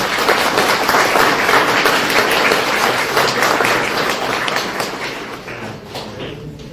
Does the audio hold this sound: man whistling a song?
no